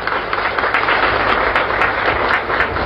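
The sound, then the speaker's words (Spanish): A crowd applauds their president steadily for the full three seconds, a loud, dense wash of many hands clapping at once with no voices standing out. “Un aplauso acá para nuestra presidenta.”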